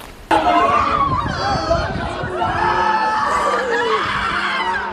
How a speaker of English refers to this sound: Amid shrieks and cries, a portrait of despair. A father cradling his bloodied baby, his hand pressed to the seven-month-old's head as he looks around helplessly.